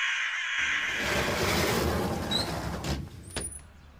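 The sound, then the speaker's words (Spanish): A few harsh caws from crows fighting over carrion in the street ring out over a steady rumble of street traffic, with a couple of sharp calls near the end and no one speaking. “Tranquilícese, son solo unos cuervos peleándose por unas carroñas en la calle.”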